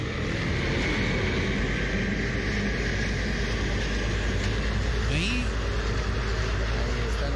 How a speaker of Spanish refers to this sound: Y ahí podemos notar, en realidad, hay cantidad de carros, hay cantidad de unidades móviles, porque tal vez es la única vía de interconexión hacia el Callejón de Huaylas a la ciudad de Huaraz.